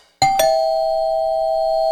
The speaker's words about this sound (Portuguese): Toquei a campainha, ela não me atendeu.